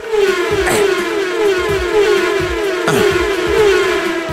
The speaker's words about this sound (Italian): E poi il fatto che ogni volta che sposti la freccetta del mouse fa il suono della macchina che passa.